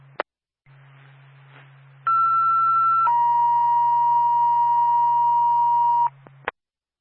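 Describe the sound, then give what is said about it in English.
State Patrol emergency dispatch alert tones: a steady high tone for about a second, then a slightly lower tone held for several seconds, framed by sharp radio clicks over a low constant hum. “State Patrol, ma'am, on standby for tones.”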